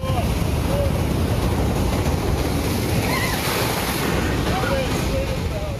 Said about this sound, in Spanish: Sobre todo en Long Beach, pues las olas siguen golpeando la costa por tercer día consecutivo. Rompen contra el muro del malecón y algunas alcanzan entre 5 y 8 pies con ráfagas de hasta 12 pies.